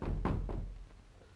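Several dull, heavy knocks on a door, two solid raps close together followed by a fainter one, with a low, muffled thud and no voices.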